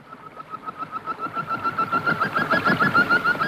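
Birds sing their spring songs in a rapid, steady stream of repeated chirping notes that swell gradually louder and fuller, with no voices present.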